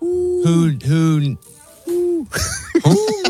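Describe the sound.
A person imitates an owl with a few drawn-out, breathy 'hoo' calls in quick succession, fairly loud, then a livelier voiced flourish at the end.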